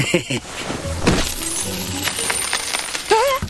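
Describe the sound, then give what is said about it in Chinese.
A heap of coins pours out of a burlap sack in a continuous jingling clatter lasting a few seconds, ending with a short vocal exclamation. “哎呦，光头强，你哪来这么多硬币呀？”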